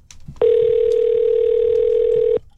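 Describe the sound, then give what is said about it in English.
A single steady telephone tone sounds for about two seconds as a phone call is placed from radio station Eagle 93.5, loud and unbroken, then cuts off abruptly. Faint background noise sits beneath it, and no one speaks. “and I'm going to see if I can get her on the phone here.”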